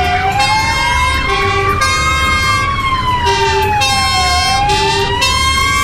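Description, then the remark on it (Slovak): Several emergency vehicle sirens wail at once at the start of a large firefighting drill near Prievidza, Slovakia, simulating a bus and van collision; overlapping rising and falling tones, loud and continuous over a low rumbling engine, with short horn-like blasts cutting in now and then. “Takto vyzeral začiatok veľkého hasičského cvičenia neďaleko Prievidze.”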